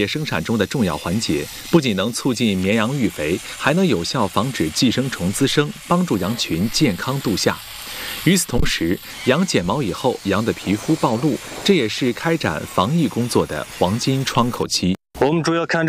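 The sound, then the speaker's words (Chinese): Electric sheep shears buzz steadily through the wool as herders shear sheep in a sheep pen in the Bo'ertonggu township pastoral area of Shawan, Xinjiang, China, a continuous whirring drone running beneath overlapping voices and animal sounds for the whole stretch. “今年换上了电动剪刀，一人只要3-4分钟就能剪完一只羊的毛，效率大幅提升。”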